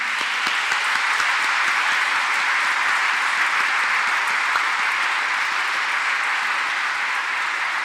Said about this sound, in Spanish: Un aplauso a los papás en este día.